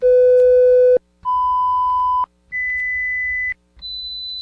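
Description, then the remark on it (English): Four steady electronic test tones play one after another, each about a second long with short gaps, stepping up in pitch from low to high; the last tone is slightly quieter. They are played by Amplisound Hearing Care Center in Putnam as a hearing check, not an actual hearing test. “Did you hear all four tones? Yes, there were four.”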